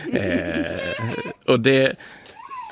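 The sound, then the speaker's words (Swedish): A baby fusses as it is given a pacifier, letting out whiny, wavering cries in short bursts, with one louder wail near the middle before settling into quieter whimpers. “ursäkta, jag ger min bebis en napp här. Jag har barnen med mig här.”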